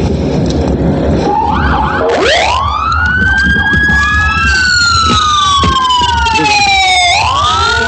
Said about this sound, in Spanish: Y vamos a escuchar cómo sonaba este banderazo de salida y las sirenas.